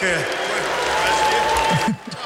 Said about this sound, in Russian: Слышно по громкости аплодисментов, как это понравилось аудитории.